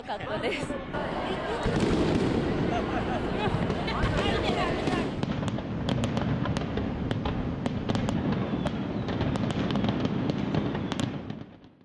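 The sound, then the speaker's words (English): Fireworks from a display of more than 20,000 rounds burst and crackle in a rapid series of sharp bangs over a loud, continuous roar of a huge crowd of spectators cheering and chattering throughout. “Spectators responded with cheers, with many taking photos with their smartphones. I've never seen such unique fireworks before.”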